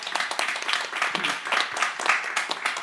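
An audience applauds a community space at a Community Radio Bochum event, many hands clapping in a dense, even patter that holds at a moderate level for a few seconds without a break.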